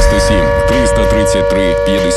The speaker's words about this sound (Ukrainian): Увага всім! Повітряна тривога. Прослідуйте до найближчого укриття.